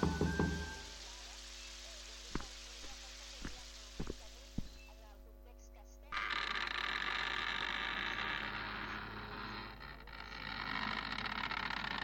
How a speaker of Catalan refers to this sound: uns trucs apressats el van despertar.